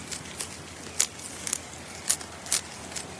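A quokka, sitting back on its hind legs and holding a leaf in its front paws, munches on the leaf, making soft, crisp crunching bites at an uneven pace, about six sharp crackly chews over a faint hiss with no voices.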